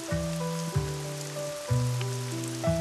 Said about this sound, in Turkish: Nisan yağmuru bu